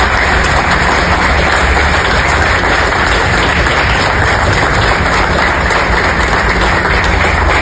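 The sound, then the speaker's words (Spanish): An audience claps continuously for several seconds, a dense, steady wash of many hands at an even loudness, with no voices over it, applauding the team of the National Olympic Committee (Comité Olímpico Nacional). “les pido de la manera más respetuosa un sincero aplauso a todo nuestro equipo Comité Olímpico Nacional.”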